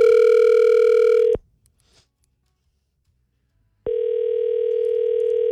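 A phone call ringing on the line as a radio host calls a prize winner who does not pick up: a loud, steady electronic ringback tone sounds for over a second, breaks off into a few seconds of silence, then starts again. No one speaks.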